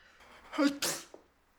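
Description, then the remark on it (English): A single sneeze: a brief voiced inhale building up, then a sharp, breathy burst that quickly fades into quiet. “Excuse me. Bless you.”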